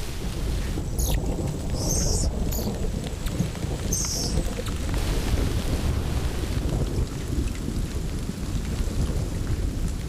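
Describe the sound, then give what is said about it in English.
A thunderstorm in full force: steady heavy rain hisses over deep, rolling thunder rumbles, with gusts of wind buffeting the microphone. No voices, just the continuous storm. “A storm is brewing.”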